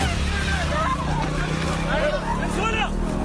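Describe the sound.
A woman screams in high, wavering cries as she is taken away on a motorcycle during the Hamas-led gunmen's attack on the Nova Music Festival on October 7, 2023, over a steady motorcycle engine rumble, with other voices shouting in a chaotic, continuous burst.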